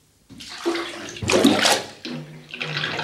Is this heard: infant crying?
no